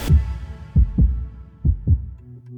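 A deep heartbeat thumps in paired lub-dub beats at a steady, slow pace, each pulse booming low and full with a soft resonant tail between beats. No voices.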